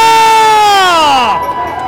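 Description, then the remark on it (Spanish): A loud, drawn-out shout rings out and slides downward in pitch, carried over a rumble of crowd noise as spectators cheer and yell at the start of a motorcycle race. “¡Llegó la arrancada! ¡Quiero escuchar el grito”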